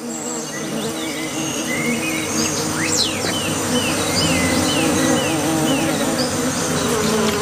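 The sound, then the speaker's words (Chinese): A steady, dense drone of many bees buzzing at a small water puddle on the ground in hot weather, with a continuous humming swarm sound and a few faint, high bird chirps in the background. “蜜蜂比他们来得更早。”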